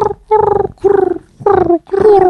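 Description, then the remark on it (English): A person imitates a pigeon with four throaty, warbling coos in a steady rhythm, each a short low-pitched burst with a gurgling quality, fairly loud with brief pauses between. “Can you do a pigeon noise?”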